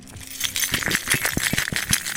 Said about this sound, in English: Keys jangle? Yes, and then you can do it in front of the mic. Okay, that's really loud. Oh my gosh. Hold on. Do it in front of the funny mic.